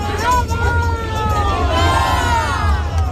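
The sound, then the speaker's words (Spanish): A crowd chants together at a procession in Coria as the Sin Pecado cart of Granada arrives, many voices rising and falling in a sustained, wavering song over a steady low rumble of general hubbub. “y veis cómo está Coria, cómo han empezado con el cántico, ya está aquí Granada”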